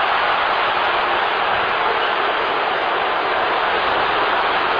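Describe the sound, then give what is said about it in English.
A large stadium crowd at an American football game between the Minnesota Vikings and the Green Bay Packers roars steadily after a tackle it thought was a horse-collar, a dense wash of loud, unbroken noise that holds at the same level for about five seconds, with no individual voices standing out. “Crowd roaring because they thought horse collar tackle on the play.”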